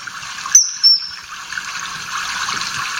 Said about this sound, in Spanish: El martín pescador, pues es un pez, un pájaro muy bonito, ¿eh?, que vive donde haya agua siempre porque es pescador y se alimenta de peces.